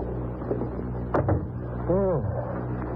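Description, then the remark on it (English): Britt Reed's door being opened after its lock was picked with a thin steel instrument: two quick, sharp latch clicks followed by a short rising-and-falling creak, all over a low, steady background hum. “Open the door.”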